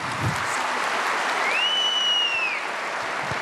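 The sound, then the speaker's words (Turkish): Sustained applause from a large audience at a Turkish award ceremony as recipients receive plaques from the President, a dense, steady wash of clapping that holds at an even loudness throughout, with a thin whistle rising and holding briefly in the middle. “Kuvvetli alkışlarımızla kendilerini misafir etmeye devam ediyoruz.”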